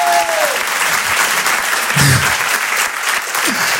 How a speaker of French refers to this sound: Quand ça applaudit, allez tous ensemble, on est une famille ce soir, ok? On est une famille ce soir.